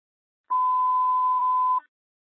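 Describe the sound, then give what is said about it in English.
A single steady electronic tone, like a ringtone beep, sounds loud and clear for just over a second at a constant mid pitch, then cuts off abruptly. No voices accompany it. “ringtone.”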